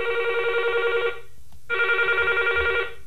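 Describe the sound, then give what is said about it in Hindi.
A telephone rings twice in a classic trilling double burst, each ring about a second long with a short silent gap between, loud with no voices; an incoming listener call to a radio phone-in. “हमें इंतजार है आपके फोन कॉल्स का।”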